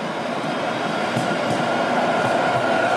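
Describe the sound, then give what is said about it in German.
A steady, dense roar of street traffic on the Mainzer Landstraße, a main road in Frankfurt, heard while walking along it, fills the whole stretch, with a constant low rumble, a faint hum in the middle range and a couple of soft thumps, and no voices. “Wir laufen jetzt schon, ohne dass man unsere Schritte hören wird, aber natürlich die Verkehrssituation hier um uns herum.”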